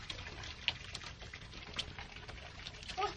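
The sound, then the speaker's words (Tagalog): Water runs steadily from a tap in a bathroom, a continuous soft rushing hiss with a few faint splashes and drips, heard at low volume with no one talking. “Oh, ikaw lang yung nanawang tubig, ma.”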